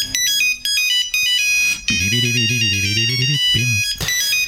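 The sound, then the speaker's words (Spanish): A Nokia 3310 mobile phone ringtone plays loud, a bright beeping melody of rapid tones, joined midway by a low humming or buzzing layer beneath it, with no one talking. “Este sonido yo creo que a todos nos trae a la memoria, ese Nokia 3310, el móvil indestructible.”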